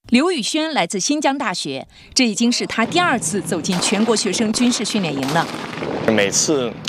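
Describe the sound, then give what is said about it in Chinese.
Sharp, repeated small-arms gunshots from live-fire shooting practice at a national student military training camp crack out irregularly beneath a man's steady narration, the sharp bursts mixing with his voice throughout. “如果说行军拉练是对意志体魄的淬炼，那么轻武器实弹射击则是对军事素质的考验。”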